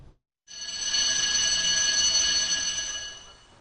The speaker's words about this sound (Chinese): 早上8点，所街乡中心学校准时响起了上课铃声。